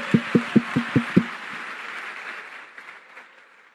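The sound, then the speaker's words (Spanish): An audience of men at a men's gathering bursts into applause, opening with six sharp, evenly spaced claps before dissolving into a steady wash of crowd clapping that slowly fades out. “Por fin aplaudieron los hombres, apenas dije gay.”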